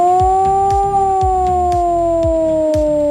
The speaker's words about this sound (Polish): A w całym kraju można dziś usłyszeć wycie syren alarmowych. To w ramach ćwiczeń Alarm 26. Uruchamiane są syreny, których sygnał brzmi w ten sposób.